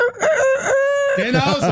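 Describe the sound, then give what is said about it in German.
A kitchen egg timer, set for soft or hard eggs, plays a rooster-crowing sound when it runs down: one loud, drawn-out cock-a-doodle-doo with a steady held middle note, breaking into a rougher, wavering ending. No one talks over it. “Und zwar der Sound, die kräht dann vermutlich oder so halt.”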